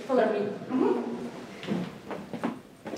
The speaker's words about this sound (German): Der Weg zu Dana Björk führt über knarzende Holzdielen